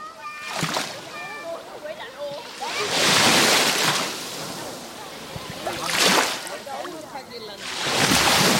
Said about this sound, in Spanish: Lo primero que haremos no será eso, comprobar la temperatura del agua, sino el sonido. Así es como hoy suena el mar Mediterráneo. Déjate llevar.